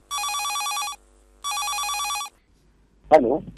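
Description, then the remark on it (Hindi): A telephone rings twice with a bright, buzzing electronic trill, each burst lasting under a second with a short pause between, followed by a voice starting to speak; an incoming call opening a phone-in request program at the Akashvani (All India Radio) Nanded station. “चला तर श्रोते हो या कार्यक्रमाची सुरुवात करूया या फोन कॉलनं।”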